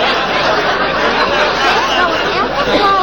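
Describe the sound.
A dense murmur of many overlapping voices fills a busy restaurant, steady and loud throughout, with scattered bits of laughter rising out of the chatter.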